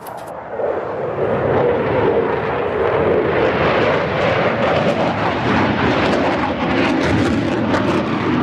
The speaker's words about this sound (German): Tausende Besucher drängen sich am Zaun vom Rollfeld, wenn Eurofighter oder Tornado über die ILA donnern. Manchmal fliegen sie kopfüber, beim nächsten Mal machen sie ein Looping.